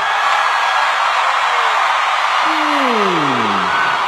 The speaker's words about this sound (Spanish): A mí se me hace que ese es el lado que más grita. A ver, uno, dos, tres.